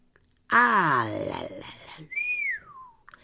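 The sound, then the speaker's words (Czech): A gamekeeper whistles one clear note that slides downward and fades, following a short vocal sound. The whistle is moderately loud, with quiet around it. “Hvízdl Hajný.”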